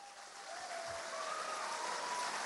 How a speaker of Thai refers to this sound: เราขอเสียงปรบมือต้อนรับ